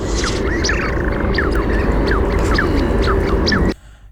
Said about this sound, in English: Wow. Tell us what that is. It's a duck of some kind, right? Yeah, it's quite a large duck. I was going to say it's big. It's a big bird, isn't it? Yeah, it looks a bit more like a small goose, but it is a species of duck.